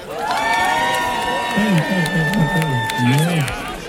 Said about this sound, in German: Lauter, macht mal Applaus!